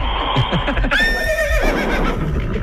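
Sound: horse neighing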